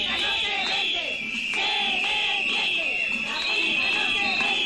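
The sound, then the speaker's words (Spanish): More than 200 protesters in Huesca, Spain, shout, boo and chant "la escuela pública no se vende" at the president of Aragón over a continuous shrill, whistle-like tone, loud and dense throughout, with overlapping voices rising and falling. “Gritos, abucheos y lemas de la escuela pública no se vende, y aquí están los de las camisetas.”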